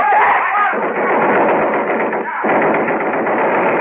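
A long, sustained burst of rapid fire from a Thompson submachine gun shooting blanks, fired by a man in a white mask: a dense, harsh rattle that barely pauses for nearly four seconds, loud and with a thin, band-limited tone.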